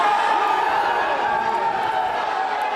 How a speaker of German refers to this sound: Jubelszenen vor einem Gerichtsgebäude in Los Angeles.